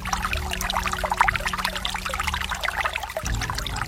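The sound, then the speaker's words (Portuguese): Holy, exorcized water pours steadily into a small empty bottle for about four seconds, a continuous gurgling trickle over a faint low hum, with no one speaking. “Traz uma garrafinha vazia e você vai encher a sua garrafinha com a água benta e exorcizada. Aí você vai fechar a sua garrafinha e vai levar esta água para a pessoa que sofre.”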